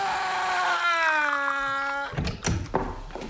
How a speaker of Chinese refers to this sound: 与此同时，何老板正在办公室里悠闲地喝着功夫茶，隔壁不时传来渗人的嚎叫声。